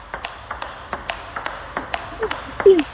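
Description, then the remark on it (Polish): A ping-pong ball is knocked back and forth with paddles in a steady table tennis rally, about a dozen crisp, bright clicks at an even pace, with a brief faint voice near the end. “Ping-pong! Dobrze, a co to jest ping-pong? Gra. Taka gra.”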